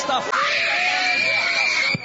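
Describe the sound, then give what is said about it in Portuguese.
A crowd screams and shouts together, as urged during a prayer to cast out demons in the name of Jesus, in a loud, sustained roar, with many high, overlapping voices wailing continuously before a brief dip at the end. “Grita pra Jesus queimar.”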